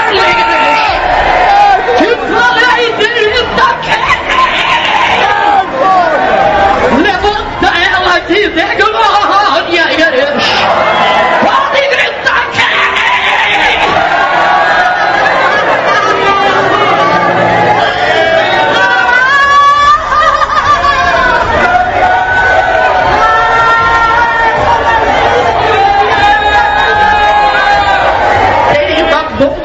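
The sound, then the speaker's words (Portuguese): A church audience shouts and cries out together in a loud, continuous roar, with overlapping whoops and rising, excited calls that swell and surge throughout. “Pode gritar aí, igreja.”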